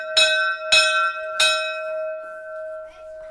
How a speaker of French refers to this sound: La cloche sonne, les élèves s'alignent en rang d'oignon devant la porte de l'unique classe de l'école.